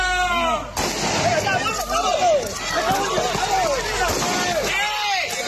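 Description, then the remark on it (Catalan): Chaotic scene of a police charge on a protest crowd at a demonstration against mass tourism in Palma: many overlapping shouts and rising cries over a loud, constant roar, broken by sharp bangs and scuffling footsteps. “Aquest era el moment d'una de les càrregues.”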